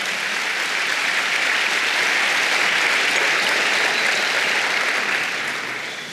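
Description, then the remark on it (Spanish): An audience claps their hands for the Lord in sustained, dense applause, loud and steady for several seconds before tapering off slightly at the end. No one speaks over it. “Vamos, dele palmas al Señor, dele palmas al Señor.”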